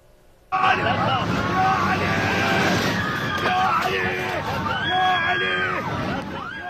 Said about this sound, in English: Video shows passengers on board the flight bound for northwestern Iran screaming. Airport officials say a detached tire tread prompted an engine technical alert after taking off.